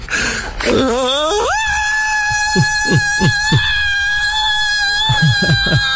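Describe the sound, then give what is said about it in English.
A person lets out a long, loud scream imitating a movie scream, sliding upward and then holding a steady high pitch for several seconds while short bursts of sound pop beneath it. “Now, if I could do that scream.”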